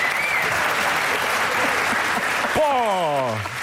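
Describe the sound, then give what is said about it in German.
Steady, dense audience applause for a guest in a theater fills the whole stretch, with a brief whistle early on and a falling, whooping cheer-like tone breaking through near the end. “Johnny, vielen Dank, das ist ein Applaus.”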